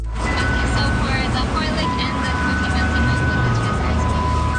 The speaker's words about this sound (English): The sound of summer in Richmond, British Columbia. An ice cream truck doling out cone after cone of soft serve. But this one is delivering more than sweet, icy treats.